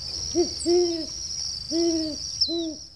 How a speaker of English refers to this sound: This has been WSHU's Birdsong Break featuring the Great Horned Owl this week. Special thanks to the Cornell Lab of Ornithology.